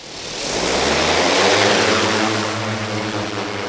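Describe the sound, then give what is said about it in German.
A large police drone, medium blue with neon yellow and police lettering, takes off close by, its rotors building into a loud, steady whirring roar with a deep droning hum, then easing slightly toward the end. “Und so klang dann auch der Start.”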